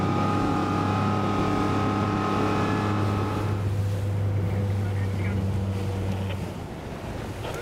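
Many boat engines drone steadily on the water during a boat parade, in a loud, continuous low hum, with wind buffeting the microphone; partway through, the engine tone eases and rough water and wind noise take over.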